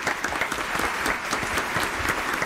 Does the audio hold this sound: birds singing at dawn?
no